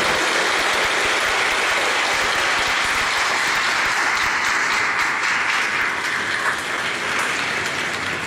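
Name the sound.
audience applauding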